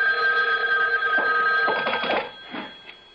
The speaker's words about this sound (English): A phone. At this hour? I'll get it. You stay here.